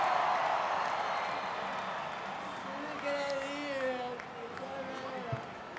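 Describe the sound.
A crowd applauds and cheers in a dense, steady wash of clapping, while partway through a voice speaks over the noise as the applause gradually thins.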